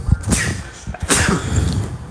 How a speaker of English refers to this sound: Whoa, I don't know where that came from. Bless you.